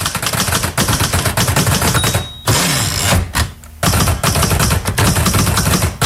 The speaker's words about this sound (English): There you go. That is today's noise. You probably recognise that it's typing, but do you know what it's typing on? You might need help from a grown-up for this one, as it's something quite old-fashioned.